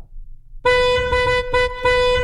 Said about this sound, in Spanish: si tocan el claxon así, significa que alguien cerca de ustedes está escuchando el programa también